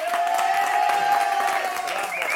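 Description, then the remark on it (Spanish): A crowd applauds steadily with dense, overlapping claps, while cheers and a sustained whistle ring out over the clapping. The applause stays loud and continuous throughout. “¡Ese aplauso nos escucha!”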